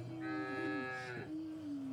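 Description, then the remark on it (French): A single long, drawn-out cow moo, loud, with a rich harmonic tone that rises slightly and then settles into a steady low bellow. No one speaks. “Spécial vache. Mouh.”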